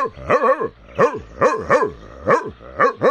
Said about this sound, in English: No, I'm just barking. I'm a dog. That's what I do. Wow, that's nifty and all, but a little loud. Hey. This here bark keeps them bad creatures far away.